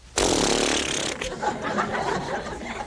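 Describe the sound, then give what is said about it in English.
A voice makes a loud, hissing spray sound, a sudden broad whoosh of breathy noise lasting about a second, imitating water sprayed from an elephant's trunk, then trailing into softer sputtering breath. “It went, and he got some water, and he went”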